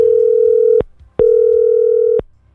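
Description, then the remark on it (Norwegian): Ringback tone of an outgoing phone call made from the radio station Radio Metro to a listener: two steady, clear electronic tone bursts of about a second each, separated by a short pause, heard alone with faint background hum. “Nå skal jeg ringe til en som får et brett iskall alkoholfri øl.”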